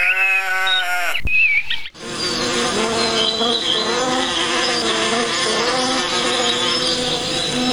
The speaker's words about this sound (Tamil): அப்பாடா, தோட்டத்துக்கு வந்து தேனீக்களை பார்க்கும்போது தான் ரொம்ப சந்தோஷமாக இருக்குது. தேனி எல்லாம் எப்படி ஒற்றுமையாக இருக்குது. இதோட சத்தத்தை கேட்டுக்கிட்டே இருக்கணும் போல இருக்குது.